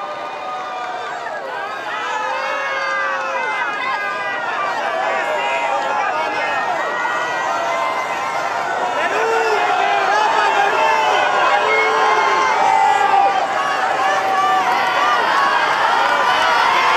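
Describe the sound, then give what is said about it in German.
Dense outdoor crowd hubbub of many believers from around the world in St. Peter's Square, Rome, Vatican, on a Wednesday morning at Pope Leo XIV's general audience: many overlapping voices chatter and call out at a steady, fairly loud level, with occasional raised shouts rising over the continuous murmur. “Wir übertragen live vom Petersplatz in Rom im Vatikan. Dort empfängt Papst Leo XIV. An diesem Vormittag viele Gläubige aus aller Welt.”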